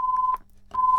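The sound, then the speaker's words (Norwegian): A telephone-style ringing tone during a bingo game: two steady, pure electronic beeps separated by a short gap, clear and fairly loud, with no voices. “Og det ringer.”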